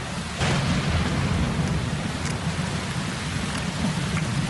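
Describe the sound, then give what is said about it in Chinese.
Steady, heavy rain pours down in a dense, hissing wash at night, with a deep low rumble of thunder rolling underneath throughout as the storm breaks over an underground palace. No voices, just the continuous storm. “接着几道闪电劈过，撕开丝绒般的夜幕，雷声不断中，豆大的雨珠敲打在了夕颜的脸上。”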